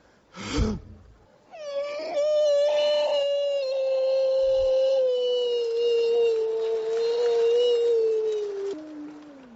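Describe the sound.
A man imitates a wolf howling as a mock voice warm-up before singing practice, holding a long, loud, wavering note for about eight seconds that slowly slides downward in pitch, preceded by a brief sharp vocal burst.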